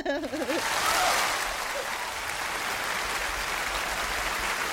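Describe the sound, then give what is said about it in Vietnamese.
A big crowd bursts into loud, sustained applause of dense clapping for a contestant who won a game, kicked off by a brief wavering vocal whoop at the start. “Thôi thì dành cho anh một tràng pháo tay thật lớn đi ạ.”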